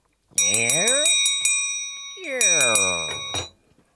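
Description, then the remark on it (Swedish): A door swings open with a creaking groan while a small bell above it jingles brightly; after a short pause the creak and ringing come again before fading out. “Tänk dig ljudet av en dörr som öppnas.”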